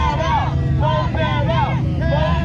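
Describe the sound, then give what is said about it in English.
A crowd of residents protests outside county chambers in Effingham County, Georgia, against a proposed OpenAI data center. Many voices talk and call over each other in a steady, overlapping hubbub, with a low rumble underneath throughout. “A crowd outside.”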